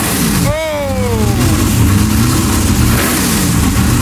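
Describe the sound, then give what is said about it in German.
A 1965 Lola T70 race car, one of only 15 in the world, is fired up: its engine revs hard, a sharp rising-and-falling howl at the start, then settles into a loud, rumbling, throbbing idle with further throttle blips. “aber der Sound von einem 65er Lola T70, davon gibt's auf der Welt nur 15 Stück.”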